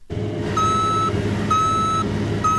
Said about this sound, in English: loads soybeans into a cargo truck.